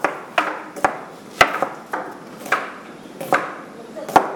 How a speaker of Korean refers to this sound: 준비된 재료를 직접 손질을 해서 요리를 만들고 있는 것 같은데요. 네. 칼질 소리, 이 도마 소리는 참 경쾌하게 들리는데 실력들은 어떠신가요?